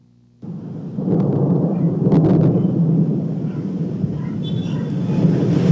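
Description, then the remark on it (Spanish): A deep, rolling rumble of thunder from an electrical storm lasting about two hours over Taxco de Alarcón, Mexico, breaks in after a brief quiet and keeps growling loudly and steadily for several seconds, with heavy low-end roar and faint crackling above it. “Igual cae tormenta eléctrica en Taxco por más de 2 horas.”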